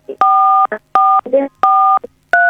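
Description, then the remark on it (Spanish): Four telephone keypad tones beep one after another at an uneven pace as the phone's keys are accidentally touched during a call. Each is a steady two-pitch electronic tone, loud, with brief muffled voice fragments between presses. “Uno no se da cuenta y toca las teclas del teléfono”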